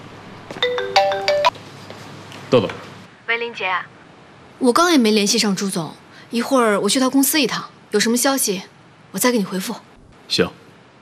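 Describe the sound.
A mobile phone ringtone for an incoming call chimes in a short repeating melodic pattern for about two and a half seconds, clear, followed by people talking.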